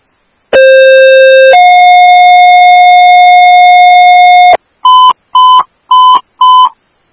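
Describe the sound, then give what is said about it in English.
Two-tone radio dispatch paging alert for a call at 600 Landau Drive: a steady mid-pitched tone for a second, then a slightly higher tone held for about three seconds, followed by four short, evenly spaced higher beeps. Loud, with no voices. “With Radiation 4, these are your tones for the PICS 600 Landau Drive, 1958.”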